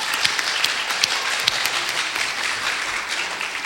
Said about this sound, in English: So I'd like to just, from your point of view, thank everybody that has performed on stage today and have done their heritage and their culture proud. So let's give them a round of applause now for starters.